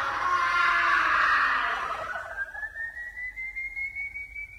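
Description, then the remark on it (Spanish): A man lets out a loud, strained final scream lasting about two seconds as he collapses in a faint, then it fades into a thin, rising whistle-like tone that trails off alone. “Rueda varias veces por el suelo, pero continúa defendiéndose hasta que, agotado y ya sin fuerzas, lanza un último grito y cae desmayado frente al tranquero de los malabares.”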